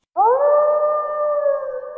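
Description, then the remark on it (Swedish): A wolf lets out one long, loud howl that swoops up at the start and then holds a steady, mournful pitch for about two seconds, heard alone. “Vargen kommer.”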